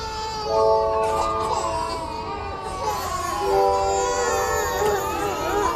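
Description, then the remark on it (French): Several babies wail at once in a nursery, their overlapping cries rising and falling steadily, fairly loud and continuous throughout. “Et les bébés pleuraient tous dans la pouponnière.”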